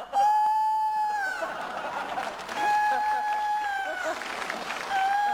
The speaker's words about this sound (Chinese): 这咋还打鸣呢？